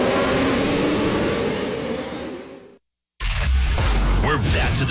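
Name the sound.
race car engine revving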